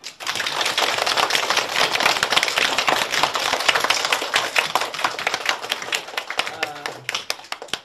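A classroom of students claps steadily for several seconds to welcome a professor from the National Defense University who is an expert on Lei Feng, a dense, crackling burst of many hands that keeps up evenly before thinning slightly toward the end.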